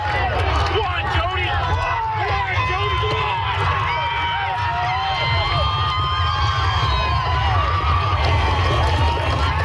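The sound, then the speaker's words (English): A large crowd cheers and shouts steadily at PEI's Gold Cup and Saucer horse race, held at night, many voices overlapping in a loud, continuous roar with excited whoops rising above the babble. “And finally, an energetic crowd came out for PEI's iconic Gold Cup and Saucer race that took place last night at 11:58 p.m.”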